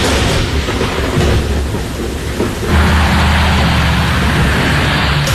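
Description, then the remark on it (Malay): Steady, heavy rain hisses throughout a thunderstorm in Perak state, covering the Kerian, Selama, Larut Matang, Manjung and Bagan Datuk districts, while low thunder rumbles beneath it, swelling into a louder, sustained roll about halfway through. No voices. “Jadi amaran ribut petir ini melibatkan bagi negeri Perak kita di daerah Kerian, Selama, Larut Matang, Manjung dan juga Bagan Datuk ya.”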